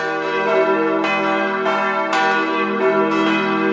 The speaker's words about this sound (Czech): Vážíme si naší památky a takže jsme si sem nenechali dát elektrické ovládání, sice by to bylo pohodlné, ale my se rádi scházíme, takže máme 5 skupinek, které se střídají a pravidelně v neděli a ve svátky se tady zvoní v poledne.